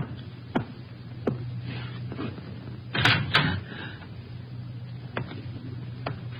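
A kitchen door being opened: a few sharp clicks and taps, then a louder rattling clatter of the latch and handle partway through, over a low steady hum with no voices.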